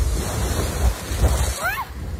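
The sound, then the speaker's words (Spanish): Strong storm wind roars and buffets the microphone in heavy, continuous gusts with a deep rumbling low end, surging louder at moments, in Poliña de Xúquer, Spain, on an afternoon when 53 litres of rain per square metre fell; a brief high whistling sound cuts through near the end. “En Poliña de Xúquer, donde se registraron acumulados de 53 litros por metro cuadrado, según AEMET, soplaba así el viento en la tarde de ayer.”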